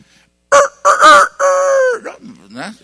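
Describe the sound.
A single loud, hoarse cock-a-doodle-doo crow, voiced by a person imitating a rooster: a few choppy opening bursts, then a long drawn-out final note trailing off.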